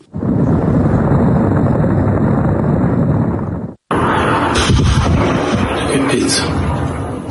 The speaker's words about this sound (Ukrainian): Дрон «Лютий» та ще з десяток безпілотників і ракет. Російська ППО намагалася відбиватися з усіх сил.